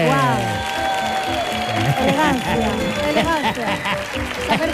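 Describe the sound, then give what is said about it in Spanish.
An audience applauds a guest on a show steadily for a few seconds, the clapping mixed with loud cheers, whoops and shouting voices that rise and fall throughout. “Pues nada, fuerte el aplauso para”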